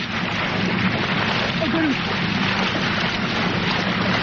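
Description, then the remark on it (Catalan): Continuous rough sloshing and splashing of water, a steady dense hiss with no pauses, while faint muffled voice-like tones drift underneath: at night in Australia, a man who jumped from a small boat is in the water hugging a crocodile to capture it. “O sigui, aquest xipolleig és ell dins l'aigua abraçant un cocodril, eh?”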